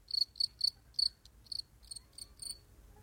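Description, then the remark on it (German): A cricket chirps in a steady series of short, high, bright pulses, about ten bursts over a few seconds, clear with no voices. “da kann man die Grille hier bitte mal... Mann! Ausgegrillt.”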